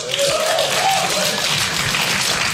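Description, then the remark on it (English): Thin, scattered clapping from about five audience members at a stand-up comedy set carries on steadily, with a faint voice or cheer rising briefly over it. “I always love that clap. It's always very proud, and then they realize it's only like five people.”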